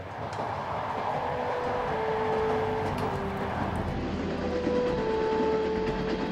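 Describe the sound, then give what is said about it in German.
A train rolls steadily along the rails as it approaches the city of Bukhara, Uzbekistan, with a continuous low rumble and rattling clatter, joined by faint high tonal squeals from the wheels, loud throughout with no talking. “Der Zug ist nun vor der nächsten berühmten Stadt.”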